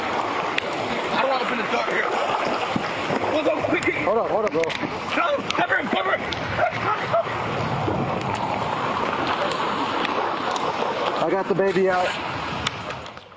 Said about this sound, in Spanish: El dramático momento ocurrió en Beeville, al sur de San Antonio. El vehículo quedó parcialmente sumergido en agua en movimiento tras una lluvia intensa que desbordó un cruce bajo.